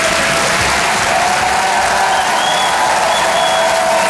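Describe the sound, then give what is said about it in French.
An audience applauds steadily, a dense wash of many hands clapping at even loudness for about four seconds, with no clear speech over it. “Ceux qui n'ont pas applaudi, c'est des jaloux.”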